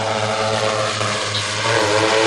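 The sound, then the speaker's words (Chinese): A steady, loud mechanical buzz of drone propellers in flight as the drone fixes a safety rope onto a power line conductor for line maintenance, holding an even whine with layered harmonic tones throughout, with no voices. “用无人机将安全绳固定在导线上。”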